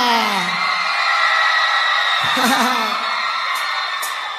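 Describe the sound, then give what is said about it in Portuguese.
A crowd yells and whoops together in a loud, continuous burst of overlapping voices, with excited shrieks rising above the roar throughout, energetic, in response to a host telling them they can shout. “Podem gritar!”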